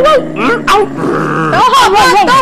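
A dog barks and growls loudly, its vocalizations rising and falling in whiny, drawn-out tones across a couple of seconds.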